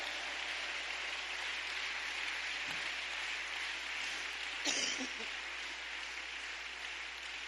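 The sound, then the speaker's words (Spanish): An audience applauds steadily for God, a dense, continuous wash of clapping that holds at an even level throughout, with a brief louder burst partway through. “Un aplauso para Él en esta hora.”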